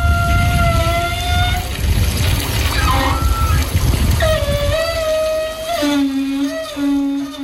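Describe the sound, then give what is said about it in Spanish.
Water from an outdoor beach shower runs steadily, with high, wavering whistles like a squealing pipe gliding up and down over the rushing spray. “Para mí es una ducha del cuerpo de la playa de las Canteras.”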